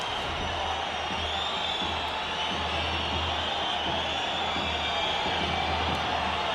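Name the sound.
stadium crowd whistling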